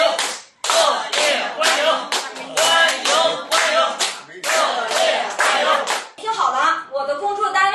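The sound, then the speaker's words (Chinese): An audience of elderly people at an event hosted by the Chinese Academy of Sciences bursts into loud, sustained applause to welcome an arriving guest speaker, dense clapping rolling on for several seconds before fading as voices come through near the end. “我希望咱们叔叔阿姨以咱们老北京最热烈的掌声欢迎一下他，好不好，叔叔阿姨？”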